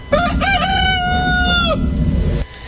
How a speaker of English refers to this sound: this next song I think requires a little rooster crowing in the beginning. Yes. There was a rooster that lived next door to me. Oh, man. He crowed at all the craziest times. I went out and recorded him one time. Here he goes. Let's listen.